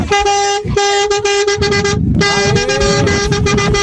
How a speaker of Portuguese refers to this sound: Vamos buzinar!